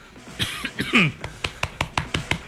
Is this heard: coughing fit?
yes